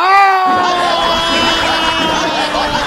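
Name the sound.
people shouting loudly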